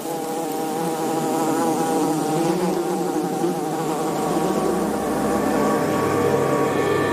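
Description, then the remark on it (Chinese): A small group of male wasps patrols the entrance of their small underground colony, dug into sand at the entrance of an animal burrow. A steady, dense buzzing of many wasps, with overlapping wingbeat drones humming continuously at a fairly loud level and slight shifts in pitch as individuals move about; no voices. “一小群雄性分蛇峰在他们的城市入口巡视着。”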